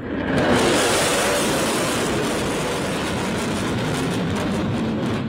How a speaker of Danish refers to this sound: Donald Trump, USA's præsident, tog personligt imod Xi og førstedamen Peng Liang, da de ankom til lufthavnen Joint Base Andrews i Washington D.C. Og her fik de altså også en såkaldt flyover.